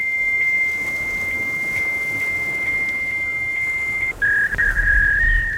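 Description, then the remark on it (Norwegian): A fax machine emits a long, steady high-pitched tone for about four seconds, then drops slightly lower and wavers unevenly, a crude beeping attempt at the birthday song with no talking. “Nei, jeg kan ikke det, Torbjørn, men lekkere smekkerema faksmaskinen her. Hun vil gjerne synge bursdagssangen til deg.”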